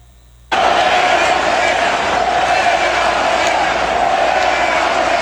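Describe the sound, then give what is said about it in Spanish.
A large crowd at an opening ceremony chants the slogan 'Fuera Morena' together, a loud, dense roar of many voices that cuts in abruptly after a brief silence and holds steady for several seconds. “En la ceremonia de inauguración, este fue el grito que se escuchó.”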